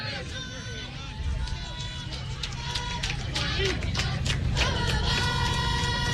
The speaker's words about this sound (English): Some cheering going on in that Wheeling Central dugout.